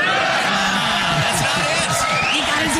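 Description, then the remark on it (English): A studio audience claps and cheers steadily for about three seconds, a dense, loud wash of applause with scattered whoops and voices mixed in, after Robert De Niro's Taxi Driver line "Are you talking to me?" is delivered. “Don't clap for that.”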